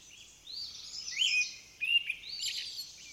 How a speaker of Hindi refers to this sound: अभी भी मौसम में काफ़ी ठंड है, कहीं कहीं बर्फ भी दिखाई पड़ती है। हरियाली अभी नहीं है लेकिन वसंत की सुगंध महसूस होने लगी है। शाम को पक्षियों की चहचहाहट सुनाई देने लगी है।